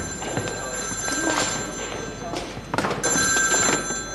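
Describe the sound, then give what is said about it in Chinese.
A hospital ward telephone rings, its bell-like trill repeating in short bursts over a busy, noisy background. “哎， 病房电话。”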